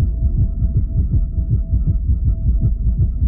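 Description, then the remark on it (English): A rapid heartbeat, an increased heart rate caused by Lyme disease affecting a woman's heart, pounds in a fast, steady rhythm of deep, muffled thumps, loud and continuous, with a faint high hum running underneath and no one speaking. “She experienced inflammation and an increased heart rate.”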